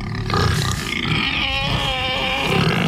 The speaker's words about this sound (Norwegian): Major Cay nemlig hjem til en svær flokk med svømmende griser. De ville, ofte snille mot besøkende, så lenge du har mat å gi da, selvfølgelig.